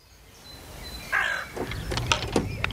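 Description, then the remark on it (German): A golf bag is loaded into a car, with a few sharp clinks and knocks of clubs shifting, while a crow caws once in the background outdoors. “Ich packe mein Golfbag wieder ins Auto und fahre zu Glorias Schloss.”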